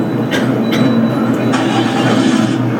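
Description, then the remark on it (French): Riding inside a bus: a steady, loud low rumble with a droning engine hum, broken by a few brief hissy rattles and bumps. No one speaks. “Vous montez dans un bus.”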